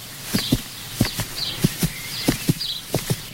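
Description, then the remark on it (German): A fast, loud heartbeat pounds in steady lub-dub pairs, five beats in quick succession, with faint high chirps faintly audible in the background. “Das Herz vom Pferd klopft schnell. Oder ist es ihr eigenes Herz, das so laut klopft?”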